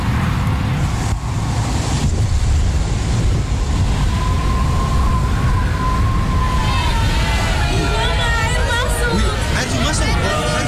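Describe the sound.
A sudden storm on a ship in the middle of the ocean around 3 a.m.: a heavy, continuous roar of rain and gusting wind, loud, with a low rumbling undertone and faint, indistinct voices surfacing near the end.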